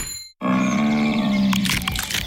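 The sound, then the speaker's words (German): A large brown bear cracking nuts: a deep, steady rumbling growl, followed by a burst of sharp, crunchy cracks over the last second. “Was Sie jetzt hören, aber leider nicht sehen, ist ein großer Braunbär, der genüsslich Nüsse knackt.”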